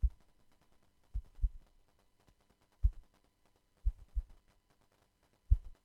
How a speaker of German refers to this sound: Also zuerst würde ich an den Herzschlag denken, der gezeigt werden soll. Ja, also ich habe hier mein Mikrofasertuch genommen und quasi so auf Spannung gezupft.